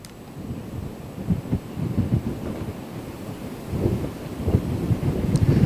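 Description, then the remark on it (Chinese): Strong typhoon wind from the storm's outer cloud system buffets the microphone in Shipu town, Xiangshan County, Ningbo, Zhejiang, China, in a continuous low roar, with heavy gusts surging and swelling throughout and no voices. “在浙江宁波象山县，今天上午受到台风外围云系的影响，当地已经出现大风和短时的降雨。”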